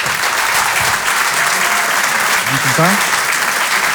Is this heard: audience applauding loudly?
yes